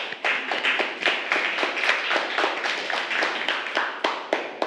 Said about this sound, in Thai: ปรบมือให้เพื่อนกลุ่ม5